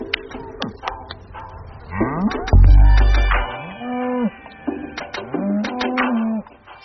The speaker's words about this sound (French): Elles sortent. Allez, allez, allez, là. Allez. À 70 vaches hein, qui remontent, c'est vrai que ça prend un peu de temps.